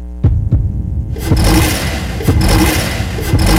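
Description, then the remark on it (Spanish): A Freedom CR 150 motorcycle engine idles with a couple of sharp clicks, then opens up into a loud, rough revving roar that stays steady, with no voices. “Moto Freedom CR 150. Hecha a tu ritmo.”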